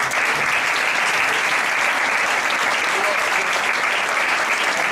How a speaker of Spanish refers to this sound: Un aplauso.